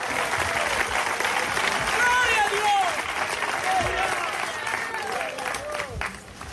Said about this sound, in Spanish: ¿Cuántos alaban al Señor en esta hora? Dale fuerte ese aplauso si es para Él.